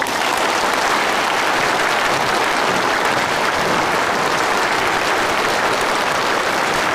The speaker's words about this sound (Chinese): 同学们，让我们以最热烈的掌声欢迎平安市公安局三叉戟团队。来我院莅临指导。